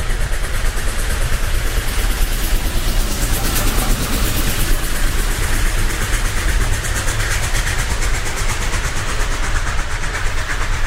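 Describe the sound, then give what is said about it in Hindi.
A train thunders past on a railway track in the dark, a loud, steady rumbling roar with faint rhythmic clatter running through it for the whole stretch, with no voices. “जिस वक्त विनोबा को मैंने खींचा, उस वक्त मुझे रेलगाड़ी की आवाज के साथ साथ विनोबा के मुख से निकलता हुआ प्रभु नाम भी सुनाई दिया।”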